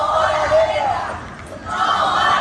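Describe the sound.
A large protest crowd of about 200 people shouts together in the streets of Toledo, marching to the town hall square against all wars and armed conflicts. A dense, sustained roar of many voices that dips briefly past the midpoint before swelling back to full loudness.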